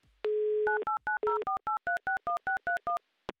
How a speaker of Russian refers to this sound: Номер телефона мы набрали, ждем соединения, ждем гудков.